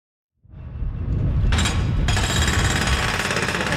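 A jackhammer at a construction site across the street from Parliament Hill starts up after a brief silence and keeps pounding loudly in a rapid, steady rattle, joined by a harsh hissing, grinding noise partway through. No one speaks.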